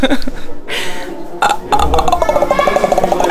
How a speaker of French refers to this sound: Oh ben, des exercices vocaux, enfin d'échauffement vocaux de chanteur ou et théâtre aussi, donc détendre les cordes vocales. Ok, j'écoute ça. C'est pas forcément toujours très très mélodieux à écouter.